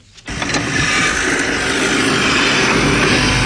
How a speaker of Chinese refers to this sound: 在855农场的大豆田里，大马力拖拉机正牵引着汽车式施肥播种机紧张作业。